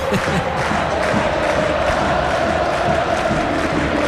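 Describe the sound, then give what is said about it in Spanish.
Boca Juniors fans in the popular stands chant together at the Kempes stadium during Boca vs Vélez. It is a dense, steady roar of many voices singing in unison, loud and unbroken for the whole stretch with no pauses. “Ese es el grito de él, el pueblo de Boca, solamente cantan los de la popular, ahora se va prendiendo el resto, pero insisto, una multitud para Boca Vélez”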